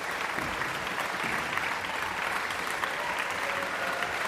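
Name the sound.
concert audience applauding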